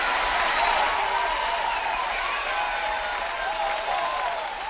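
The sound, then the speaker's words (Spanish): Steady audience applause fills the whole stretch, a dense, even patter of many hands clapping at a constant, fairly loud level, with a few raised voices or whoops rising through it. “Fuerte el aplauso.”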